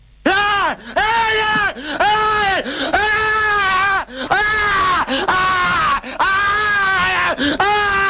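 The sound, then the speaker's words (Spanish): A man screams loudly over and over, a run of long, drawn-out wailing yells separated by brief gasps, intense throughout. “Este flaco está mal de la cabeza, o sea, está mal, no puede gritar así.”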